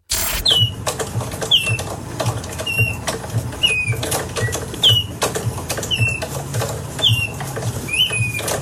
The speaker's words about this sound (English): this $15,000 piece of art that you hang on the wall. You turn a handle and then the bird makes bird noises